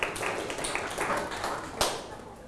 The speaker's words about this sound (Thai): โอ้ยอดเยี่ยมเลยครับขอเสียงปรบมือให้กับเพื่อนๆหน่อยครับ